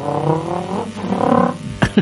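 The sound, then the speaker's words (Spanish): A voice imitates a motorcycle engine revving, a buzzy, harmonic drone that rises and falls in pitch for about two seconds, ending with a short sharp burst. “yo tenía un profesor que nos hacía las motos, hacía...”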